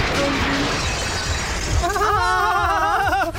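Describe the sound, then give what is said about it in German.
Glass or dishes shatter in a loud crash with a scatter of tinkling debris, and then a voice lets out a drawn-out, wavering cry. “Scherben bringen Glück, ne?”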